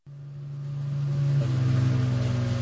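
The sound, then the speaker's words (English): A motorboat engine drones steadily with a low, throbbing hum, swelling louder over the first second and shifting pitch slightly as the boat comes ashore on a desert island. No voices. “Coming ashore on a desert island. There's boat.”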